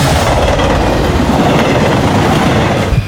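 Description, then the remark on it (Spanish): A train car rattles along the tracks with a steady clickety-clack over a loud, continuous rumble, heavy in the low end, lasting about three seconds with no voices. “Vamos a cambiar de vagón, mi querido Javi.”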